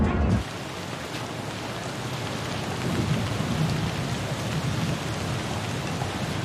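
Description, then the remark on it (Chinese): Steady rain hisses continuously, dense and even, while a low rumble of distant thunder swells softly underneath partway through. No voices are heard. “我看这雨好像还下不起来”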